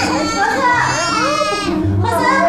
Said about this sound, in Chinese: 哎呀，这孩子哭的， 那别哭了。